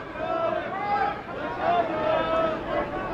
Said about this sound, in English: That one is hooking, and that one is a foul ball. Will anyone argue this one? Will anyone challenge it? And, of course, the crowd yelling at the umpires.